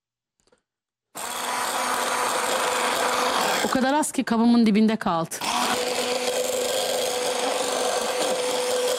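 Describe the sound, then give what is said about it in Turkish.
Honey is whisked in a coffee cup to froth it while making a coffee: a steady, rapid scraping and rubbing that starts abruptly after a moment of silence and runs to the end. A person speaks briefly partway through. “Güzelce çırpıyoruz efendim.”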